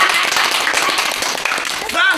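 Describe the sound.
A group of people claps steadily together at the opening of a jianbing (Chinese pancake) shop, in a dense, continuous patter of applause, fairly loud, with a brief voice rising above it near the end.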